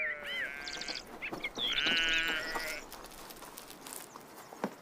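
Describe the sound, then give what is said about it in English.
Several sheep of a grazing herd bleat in quick succession on green grazing grounds between oak trees in Spain, their wavering calls overlapping against a steady outdoor background, with a few fainter bleats trailing off toward the end. “The greenlands between the oaks are grazing grounds for the sheep.”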